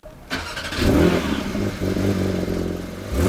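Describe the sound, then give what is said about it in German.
A Porsche 911 sports car engine cranks and fires up, then settles into a loud, throaty idle with a rapid mechanical burble, heard alone without any talking. “Ein Auto, ein Startgeräusch, der legendäre 911er aus dem Hause Porsche.”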